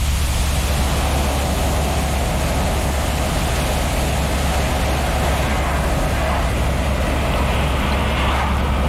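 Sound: car interior driving noise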